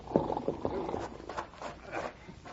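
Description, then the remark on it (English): Hooves of Judge Flint's paint horse clip-clop at a moderate volume, a loose series of hard knocks at a walking pace, as if the horse is drawing steadily closer over a faint background hiss. “Well, it looks like Judge Flint heading this way on his paint horse.”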